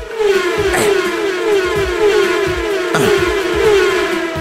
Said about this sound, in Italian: E poi il fatto che ogni volta che sposti la freccetta del mouse fa il suono della macchina che passa.